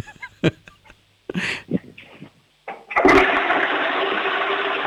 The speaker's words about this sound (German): Wow, ihr habt aber eine laute Klospülung, das gefällt mir, das mag ich.